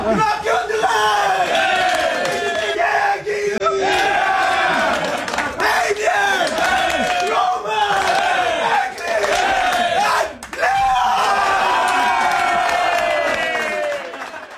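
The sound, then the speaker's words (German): The Swiss national team shouting loudly together in the locker room just before a World Championship game, in a ritual where the names of the first six starting players are read out: a continuous roaring group chant with rising and falling yells in rhythmic waves, energetic, lasting throughout. “Ja, eben, ein riesiges Geschrei in der Garderobe.”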